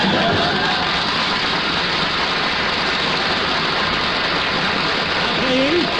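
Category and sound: crowd, audience applause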